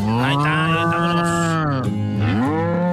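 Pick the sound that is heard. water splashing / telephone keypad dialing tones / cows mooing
cows mooing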